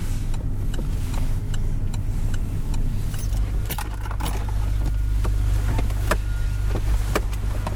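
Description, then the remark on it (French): A car's low engine rumble shifts and settles as the vehicle slows and pulls over to park in Dunkirk, France, with its turn signal already on, and scattered sharp clicks and rattles like keys and switches inside the cabin. No one speaks. “On peut s'arrêter, ouais, ouais, ouais, je vais me garer là.”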